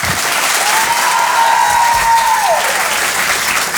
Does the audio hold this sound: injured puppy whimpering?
no